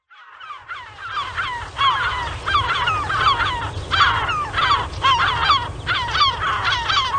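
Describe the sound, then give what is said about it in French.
A dense chorus of seagulls at Tadoussac calls continuously, with many overlapping harsh squawks and cries over a steady low rumble, and no one speaks. “Des goélands pour vous transporter à Tadoussac.”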